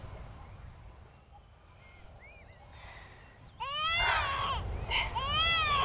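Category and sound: human body sound, baby crying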